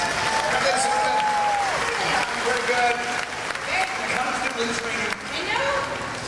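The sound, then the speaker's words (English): An audience applauds a stunt team steadily for several seconds, a dense wash of clapping mixed with cheers and a few rising and falling whistle-like shouts over the crowd noise. “Now, let's hear for our stunt team again, huh?”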